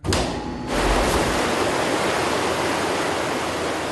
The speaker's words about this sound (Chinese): 好，现在开闸放水。